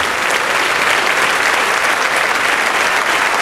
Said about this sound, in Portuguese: Oh, glória! Vamos aplaudir muito ao nome de Jesus.